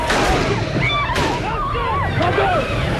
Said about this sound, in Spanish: Era el momento del tiroteo en la misma plaza de San Pedro mientras saludaba a los fieles.